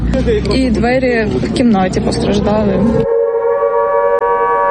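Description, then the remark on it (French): An air raid siren wails steadily across Kyiv later in the morning, warning of Russian strikes, heard beneath a voice at first, then continuing alone as a loud, sustained droning tone. “Plus tard dans la matinée, les sirènes retentissent à nouveau à travers Kiev.”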